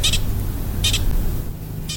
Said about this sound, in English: Hear that? That's a posture. Pika, that's an alarm call.